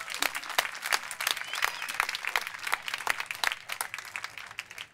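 A crowd applauds steadily for an Aboriginal elder being honoured for lifetime achievements, many hands clapping in a dense, continuous patter for several seconds without voices.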